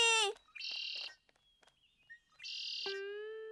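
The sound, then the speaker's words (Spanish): A voice imitates a blackbird's song: sliding whistled tones and two loud, buzzy, chirping bursts with short pauses between, clear, no other sounds around them. “Canción del mirlo. No, es mía. La acabo de crear. Escúchame bien.”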